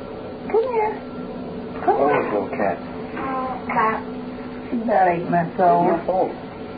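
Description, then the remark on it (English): A cat named Tippy meows in several drawn-out, plaintive bursts with rising and falling pitch, clustered at the start, middle and end, sounding somewhat muffled. “Oh, little cat.”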